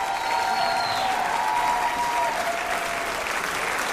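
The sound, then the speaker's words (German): A crowd in Stuttgart applauds at a band's concert, a dense wash of clapping that stays loud and even throughout, with a faint sustained tone or cheer drifting over it early on. “Bitte großen Applaus auch für Matze.”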